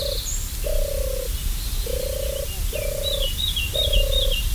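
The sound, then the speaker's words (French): A European turtle dove, back from migration, purrs in a steady series of about five low, rolling coos, with faint higher birdsong twittering in the background. “On a entendu évidemment la tourterelle des bois, donc revenue de migration elle aussi, et qui se porte assez bien, on l'a entendu assez régulièrement.”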